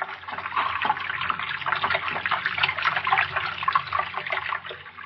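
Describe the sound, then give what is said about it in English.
Water runs steadily, a constant splashing trickle with small drips and spatters flickering through it, no voices, holding an even level for the whole stretch. “I hear it. Yet no water here.”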